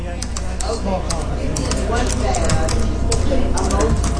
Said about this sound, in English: The sound of a busy coffee shop takes me back to 2009 in Jacksonville, Florida. A group of aspiring authors have gathered around a long table to write what they hope will be their best-selling novels.